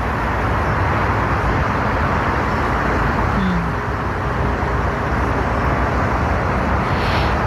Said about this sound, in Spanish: Estamos escuchando el ruido de los aviones que aterrizan en el aeropuerto de Heathrow, en Londres, que es por el que se ve más gente afectada por todo el ruido que provoca.